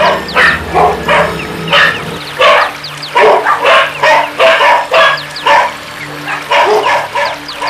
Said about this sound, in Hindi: भर्थरी वहां से भागे। और उनके पीछे पीछे जीभ लपलपाता, दांत चमकाता, रुधिर लोलुप विशाल श्वान समूह।